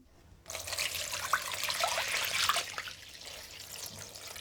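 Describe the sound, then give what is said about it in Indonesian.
Water pours steadily into a cooking pot holding stuffed cabbage rolls, about 5 glasses (1 liter) of water, a broad hissing splash that starts abruptly, swells slightly with a few gurgling plops, then eases to a softer, steadier flow. “Kalau kol-kol isi sudah diletakkan di dalam panci, rendam dengan air sebanyak 5 gelas atau 1 liter.”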